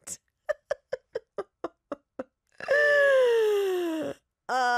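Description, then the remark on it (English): A voice mimics a huge gorilla yawn: a quick run of rhythmic huffing grunts, then a long, loud, sliding groan that trails downward, followed by the start of another. “And with society standards, like if I made this like huge gorilla sound every time I yawned.”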